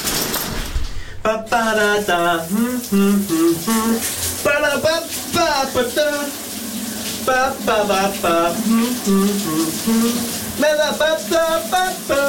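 On a Monday morning, a man belts out a loud, wavering song over the steady hiss of a running shower, his voice continuous with brief pauses between phrases.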